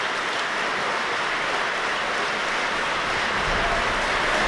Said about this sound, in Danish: og nu kan vi altså høre ind fra salen, hvordan de modtager en særdeles velfortjent applaus for den her hele aftens forestilling.